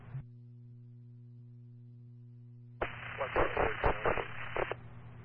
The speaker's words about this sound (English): You're not responding, it's all static.